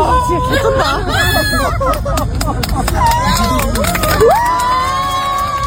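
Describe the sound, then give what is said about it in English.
A large crowd cheers and whoops loudly after a spontaneous sung rendition of a song, many voices overlapping in a dense, continuous roar, with scattered clapping mixed into the noisy hubbub throughout. “Who do you think the applause was for?”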